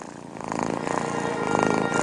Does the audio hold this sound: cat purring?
yes